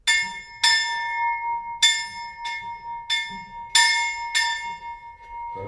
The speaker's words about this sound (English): It's the bell from the original forestry school from the 1796 year. Mm-hmm. And we have tradition when our student finish the maturity exam in our school, they can ring on this bell.